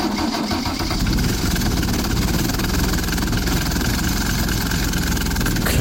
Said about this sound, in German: Klingt ein bisschen wie ein Rasenmäher. Ist aber keiner. Das ist eine sogenannte Bergziege. Also einer dieser historischen Busse mit Daimler-Benz-Diesel. Ist schon ein bisschen her, dass die Busse sich so angehört haben.